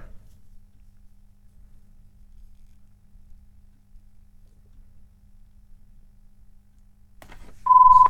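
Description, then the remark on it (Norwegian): A telephone gives a single short, loud electronic ring tone near the end, preceded by a few faint clicks and a long stretch of quiet low background hum. “Og der ringes Vincenten telefonen.”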